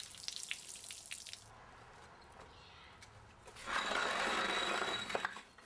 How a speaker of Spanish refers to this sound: El agua se está moviendo. Hace curvas y forma desniveles. Y sigue bajando. El agua no puede escalar porque no tiene manos.